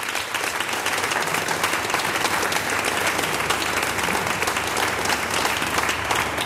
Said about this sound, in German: Aber ich darf jetzt eine auf die Bühne bitten, die sich da natürlich profund auskennt, mit einem großen Applaus vom Kultur- und Stadtmarketing in Voitsberg.